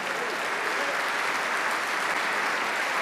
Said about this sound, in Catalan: comparteix els aplaudiments amb el trombonista